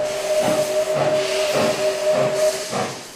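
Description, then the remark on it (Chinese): A small narrow-gauge steam train in the mountains and towns of southern Yunnan, China, holds a long, steady whistle tone while loud, rhythmic bursts of steam hiss chuff about twice a second, the whistle cutting off just before the end. “随着戈壁石铁路的逐段开通，伴随六公寸轨道诞生的小火车冒着白色的浓烟穿过滇南的山林和市镇，长长的汽笛声似乎在宣告一个传奇时代的到来。”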